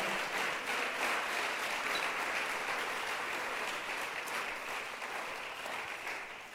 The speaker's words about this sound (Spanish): Démosle un aplauso al Señor nuestro Dios. Aleluya.